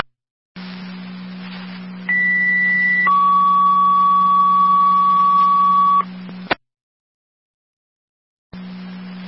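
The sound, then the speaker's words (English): County fire dispatch alert tones paging a fire company over a humming radio channel: a higher steady tone for about a second, then a lower tone held for three seconds, before the transmission clicks off. “Are you going to need any more tones for your company?”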